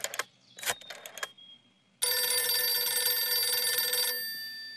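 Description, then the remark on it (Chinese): A few quick clicks and rattles, then a loud old-style telephone bell rings in one continuous burst of about two and a half seconds before cutting off. No one speaks. “薛成业说完，马上示意李介仁把电话打给侯静茹。”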